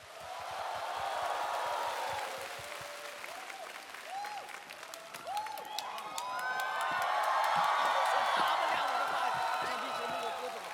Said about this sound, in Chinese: 各位亲爱的朋友们，掌声有请